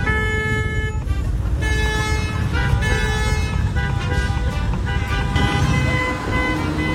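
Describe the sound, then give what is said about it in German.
Several car horns honk loudly and repeatedly over a dense rumble of street traffic, overlapping blasts in a busy city-centre street. “Zuletzt haben sie sich zu zweit in ein Dackelkostüm gesteckt, haben ein Pappschild dabei gehabt, wo drauf stand, ihr hupt, wir trinken, 2 Flaschen Bier und dann ging's ab durch die Innenstadt.”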